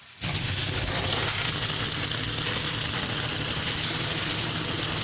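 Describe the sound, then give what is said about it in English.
Engines roar to life almost instantly after the command to fire engines for the NASCAR O'Reilly Auto Parts Series New Way 225 race, a dense, loud wall of rumbling motor noise that holds steady and unbroken, like several race cars idling together trackside. “The command to fire engines has been given. The cars come alive down trackside.”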